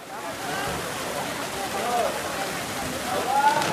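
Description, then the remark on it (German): Water gushes from a thick pipe and splashes steadily into a pool at a leisure spot in hot weather, a continuous broad hiss with no pauses, while faint voices of young people jumping in and a few brief high calls rise over it. “Das Wasser sprudelt, junge Menschen springen hinein, andere kühlen sich in der Hitze ab.”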